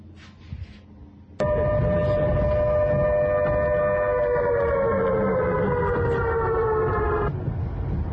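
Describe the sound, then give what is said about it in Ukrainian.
A loud civil defense air raid siren in Ukraine's capital during constant shelling starts abruptly and holds a steady wailing tone for about six seconds, its pitch sagging slightly before cutting off, over low rumbling background noise. “Увага, громадяни, оголошена повітряна тривога.”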